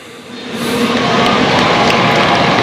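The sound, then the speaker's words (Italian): A large crowd of Romans and visitors from around the world applauding in an open public square before Pope Leo's Sunday address, the dense clapping swelling within the first half second and then holding steady and loud, with a faint cheer mixed in and no speech. “E sentiamo l'applauso, ora ascoltiamo Papa Leone.”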